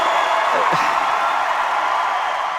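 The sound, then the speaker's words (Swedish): A concert audience cheers in a dense, steady roar of many voices, with a brief higher whoop rising out of the din early on, loud and unbroken throughout, as a musician stands at the microphone on a lit stage at the 2019 Rock and Roll Hall of Fame induction; the venue is packed and everyone is standing. “står framför micken på en upplyst scen och tar emot publikens jubel.”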